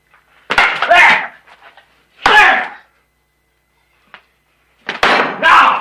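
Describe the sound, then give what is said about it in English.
A steak is slapped down onto a plate in a few loud, sharp impacts, each followed by a brief rattling clatter, with pauses of silence and one faint click in between. “Slapping it back on the plate.”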